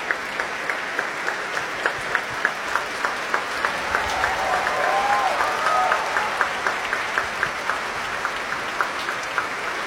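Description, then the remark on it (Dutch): Sustained applause from a large audience in the main hall of the Concertgebouw in Amsterdam, for conductor Nathalie Stoetsman after her conducting debut, dense continuous clapping with scattered sharper claps standing out and faint murmurs or a brief voice in the middle. “Groot applaus hier in Amsterdam, in de grote zaal van het Concertgebouw.”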